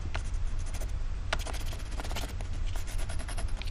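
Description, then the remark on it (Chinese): A red-and-blue pencil scratches steadily across paper in short, rapid strokes, fairly clear, over a low rumbling background with no one speaking. “换铅笔呀、 啊。”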